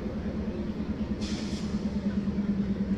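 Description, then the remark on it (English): A train rolls past a baseball park during a game, chugging from left field out to center, its steady low rumble carrying a faint rhythmic clatter, with a short airy hiss rising briefly partway through. No one speaks. “Carreras takes down and in as our friend the train says hello.”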